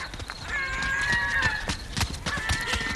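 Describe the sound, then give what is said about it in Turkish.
Clopping hoof-like footsteps approach in a steady series of beats, while a horse whinnies loudly over them; no one speaks. “İşte onun ayak sesleri. Geldi.”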